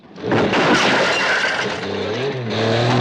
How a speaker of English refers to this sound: Then another is dragged along the ground as the driver accelerates away.